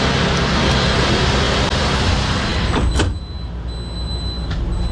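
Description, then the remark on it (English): Steady noise of a working shop on a manufacturing plant floor is cut off as the big sliding glass door of a sleek mobile lab vehicle thumps shut at about three seconds, leaving a noticeably quieter, muffled interior with faint rumble beyond. “It looks sleek, like one of Amazon's all-electric delivery trucks, except with big sliding glass doors.”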